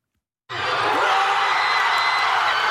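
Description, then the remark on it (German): A huge crowd of thousands of football fans erupts into cheering for Paraguay's 1:0 goal against Germany after 42 minutes of a World Cup match, on the Palmas and Alberdi fan mile in Asunción, Paraguay. It is a sudden loud roar that starts abruptly after a moment of silence and holds steady. “Nicht einfach nur Jubel, direkt eine Explosion aus tausenden Kehlen war das auf Asunciones Fanmeile Palmas und Alberdi beim 1:0 gegen die deutsche Elf nach 42 Spielminuten.”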